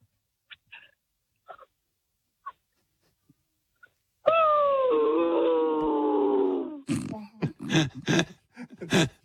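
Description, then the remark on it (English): After a few faint taps, a 13-year-old child's voice lets out a long, loud, falling howl imitating a dog that has just been killed playing Fortnite, followed by a string of short, breathy whimpering yelps. “Okay, can you be a dog who's just been killed playing Fortnite, please?”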